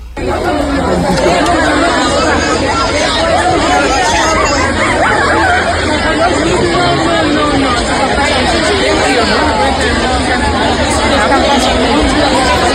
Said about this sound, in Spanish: Bueno, aquí escuchamos solo murmullo